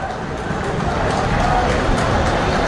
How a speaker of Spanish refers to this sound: Algunos tímidos aplausos. Algún grito también de algún hincha protestando.